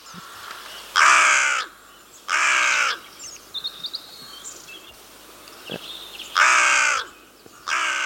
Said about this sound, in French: Alors là, c'est ce qu'on appelle les notes en harmonique. Donc, je pense qu'ici, tout le monde a reconnu notre chère corneille noire.